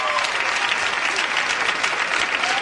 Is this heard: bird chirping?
no